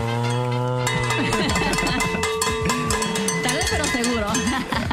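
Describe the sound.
A bell rings loudly with clanging, metallic strikes that ring on over a low sustained tone, while overlapping voices chatter and call out beneath it throughout.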